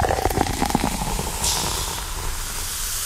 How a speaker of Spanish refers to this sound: Usted se busca una Coca-Colita bien fría. De lata es la favorita mía, hay 20 variedades. Me gusta la lata y con todo. Un vaso con hielo, transparente con mucho hielo. Y usted abre esa lata. Y usted va a oír.